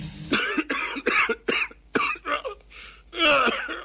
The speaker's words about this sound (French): Faudrait que j'aille sur Mediconet pour savoir pourquoi je tousse